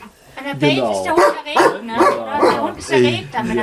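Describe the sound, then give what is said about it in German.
A dog barks in a quick series of loud, drawn-out, yowling barks, one after another with hardly a pause between them, scolding the people standing outside its room, most of whom it does not know. “Er schimpft jetzt halt auch wieder, das ist hier sein Zimmer und wir stehen alle davor.”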